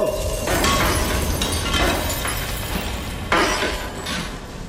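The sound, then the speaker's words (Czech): Ice cracks and shatters in a loud series of bright crashes, with splintering and tinkling fragments continuing between the bursts; no one speaks. “Praskla si, ty potvoro, protože jsi měla ledové i srdce.”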